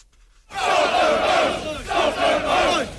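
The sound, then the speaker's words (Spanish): A crowd of hundreds of British men dressed in black with balaclavas shouts together in the streets of Dover, protesting against immigrants arriving in the UK across the English Channel; a loud, continuous roar of many voices that swells in waves after a brief near-silent start. “Era el momento en el que cientos de hombres británicos vestidos de negro con pasamontañas tomaban las calles de Dover para protestar contra la llegada al Reino Unido de inmigrantes a través del Canal de la Mancha.”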